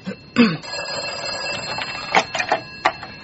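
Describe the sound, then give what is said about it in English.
A telephone in a small office rings with a continuous, bright electric bell tone that carries through the whole moment, fairly loud, with a few brief knocks and rustles over it. “Who should answer that, ma? Should I? You are the secretary and the receptionist. You should answer.”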